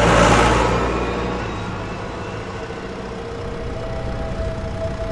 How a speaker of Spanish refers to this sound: Mientras otros dormían, él sembraba, regaba o araba bajo la luz de la luna y el ruido constante de su viejo tractor rojo.